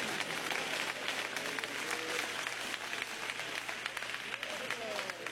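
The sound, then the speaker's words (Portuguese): A church audience gives a round of applause for Jesus, a dense wash of many hands clapping at an even level throughout, with faint voices and a low steady hum underneath. “Os presentes, dê uma salva de palmas para Jesus.”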